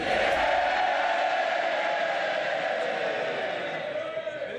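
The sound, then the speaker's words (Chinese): Labour MPs in the House of Commons roar in sustained cheering and shouting as Andy Burnham is sworn in as member for Makerfield, a dense wall of many voices holding steady throughout before easing slightly at the end. “在下议院，当伯纳姆宣誓就职默克菲尔选区议员时，工党议员们爆发出热烈的欢呼声。”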